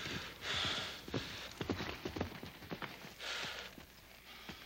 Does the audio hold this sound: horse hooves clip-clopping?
yes